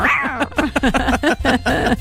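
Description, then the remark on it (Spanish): A person's voice mimics a cat, producing a quick run of short, whiny meows one after another, fairly loud, with a longer drawn-out mew at the start. “Oye, qué bien lo imita.”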